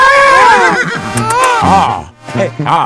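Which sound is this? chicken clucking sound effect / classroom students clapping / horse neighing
horse neighing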